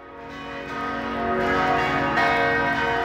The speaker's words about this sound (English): Back home in Minnesota on September 11th, 2001, church bells rang.